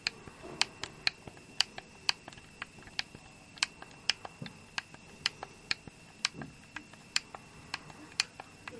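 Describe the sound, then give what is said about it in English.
Sharp plastic clicks of keyboard arrow keys being pressed, fairly steady, roughly two or three taps per second over a quiet background with no talking. “Arrow keys here now.”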